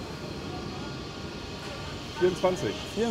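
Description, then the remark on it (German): A steady low rumble of a train idling at platform 12 of Hannover main station fills the background, with people's voices briefly speaking toward the end. “Hauptbahnhof Hannover, Einsatz für die Bundespolizei auf Gleis 12. Das ist ein schöner Zug.”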